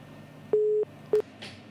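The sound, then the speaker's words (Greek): A telephone busy tone after a dropped call: a steady mid-pitched beep, a short pause, then a second beep that cuts off quickly. Clear and fairly loud over a faint hiss, with no talking. “Μήπως υπάρχει κάποιο άλλο τηλέφωνο, τι έγινε, καιρό είχε να μας το κάνει αυτό, δεν μπορώ να καταλάβω.”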